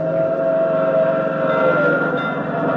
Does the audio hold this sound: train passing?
yes